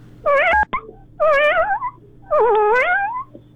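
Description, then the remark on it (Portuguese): A person mimics a kitten with three drawn-out, wavering meows in a row, each high and whiny, with short pauses between and some faint background noise. “É um gatinho, pô.”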